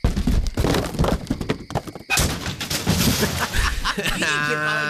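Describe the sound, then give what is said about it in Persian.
A motorcycle, deliberately pushed off, crashes down into a valley: loud, dense metallic banging and clattering impacts, a brief lull, then more tumbling crashes, ending in a sustained tonal whine. “الان می‌نازمش تا این دره له بشه اش کنید.”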